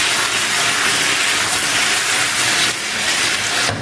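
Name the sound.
schnitzel sizzling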